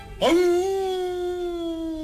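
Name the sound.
wolf howling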